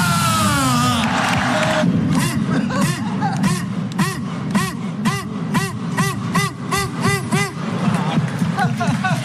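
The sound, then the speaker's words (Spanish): A large crowd of Deportivo de La Coruña football fans in Plaza María Pita, A Coruña, Spain, roars and cheers as they celebrate the club's return to the first division, with loud rhythmic chanting and shouting rising in repeated bursts, dense, filling the whole scene with celebratory noise. “¡Coruñeses, deportivistas, gritad conmigo! ¡Estamos de vuelta!”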